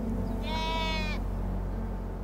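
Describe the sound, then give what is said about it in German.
A single sheep bleats once, a wavering, nasal call lasting under a second, over a steady low outdoor rumble, like wind, with no voices; at the overgrown ruin of Castle Coifin on a headland by the sea in the west of an island. “Überwuchert und von Schafen bewacht.”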